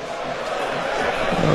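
CSKA fans in the central sector of the Vasil Levski National Stadium chant 'оставка' (resignation) in unison during a match: a dense, steady roar of many voices that swells slightly louder toward the end, with no single voice standing out.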